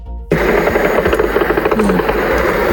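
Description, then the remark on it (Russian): A loud, rattling engine drone starts abruptly and holds steady, a rough buzzing roar with a fast pulsing texture, from a drone flying past. “Где-то летит.”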